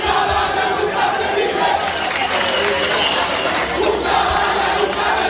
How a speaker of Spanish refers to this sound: Por un lado esta. El pueblo de Ceuta ovacionando al presidente Vivas. que desde antes incluso de que estallase la crisis ya estaba al pie del cañón a sus 73 años.